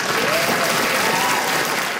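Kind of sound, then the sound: crowd, crowd applauding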